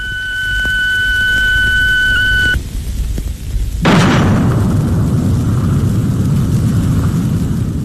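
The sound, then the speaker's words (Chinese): A steady high whine over low rumble cuts off, then after a brief lull China's first hydrogen bomb, dropped by parachute from an H-6 bomber over the Lop Nur test site, explodes at 8:20 am on 17 June 1967, erupting into a loud, sustained roaring rumble that continues to the end. “1967年6月17日上午8:20，我国第一颗氢弹爆炸成功了。”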